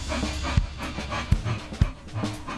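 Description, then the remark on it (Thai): A dog named Candy, imported from America and one of only a few of its kind in Thailand, pants rapidly and steadily, with breathy rhythmic huffs and a few sharper low thumps or snorts mixed in. “เขาก็จะเป็นสุนัขที่นำเข้ามาจากอเมริกาในไทยก็จะมีอยู่ไม่กี่ตัว ใจเย็นลูกใจเย็นลู ก”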